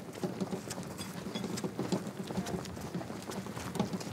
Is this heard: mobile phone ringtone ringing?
no